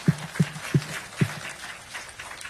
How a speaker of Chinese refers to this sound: 阿门！拍手把荣耀归给他吧。